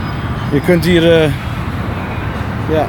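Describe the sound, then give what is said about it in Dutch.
Steady low rumble of traffic streaming along a very large, busy road, the Dallas Turnpike, bordering the spot, fairly loud and continuous, with a brief stretch of someone talking over it. “Ja, het grenst ook aan een hele grote weg. Ja. Wordt van hier verkeer...”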